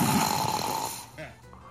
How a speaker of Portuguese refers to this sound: Ah, roncadeira aí. Oh, que roncadeira é essa, meu filho? Que é isso? Parece um dinossauro? Que é isso? Respeita, cara. Pelo amor de Deus. Roncação. Pare com esse ronco, por favor.